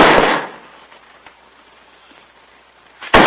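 A heavy wooden nail barrel is dropped onto the bare floor of an upstairs storeroom with a loud, booming impact that fades over half a second, followed by quiet and then a second sharp, loud bang.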